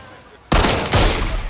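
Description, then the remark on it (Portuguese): After a quiet half second, loud gunfire aimed at chickens bursts in abruptly and keeps roaring to the end, with a second sharp blast partway through. No one speaks. “Dá uma chance para as galinhas atirarem de volta.”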